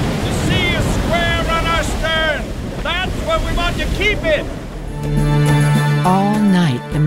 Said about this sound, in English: watch battled wind and waves. Dawn brought rain in torrents that made it almost impossible to see which direction the waves were coming from.